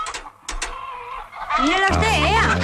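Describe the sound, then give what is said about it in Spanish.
In a film scene, a hen clucks and squawks in short bursts, growing louder and more agitated toward the end, with a few quieter clucks before. No speech is heard. “No puede ser, es el huevo diario, un momento. Mira bien. Que no, señor Marqués. Dame la gallina.”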